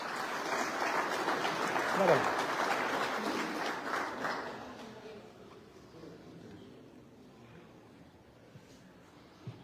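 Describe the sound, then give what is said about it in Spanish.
An audience at a university ceremony claps steadily in a dense, even wash of applause for several seconds, then it tapers off and fades into quiet murmur. “Fuerte las palmas para él, por favor.”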